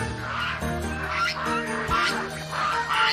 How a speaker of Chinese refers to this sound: 终于抓到你了。 大鹅已经准备就绪，今天的晚饭有了着落。